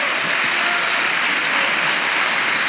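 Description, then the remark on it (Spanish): An audience claps steadily together, giving an applause to the Lord, a dense, even wash of applause that holds at a constant loud level throughout with no voices heard over it. “Hermano, dele un aplauso al Señor.”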